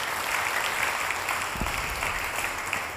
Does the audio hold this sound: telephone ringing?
no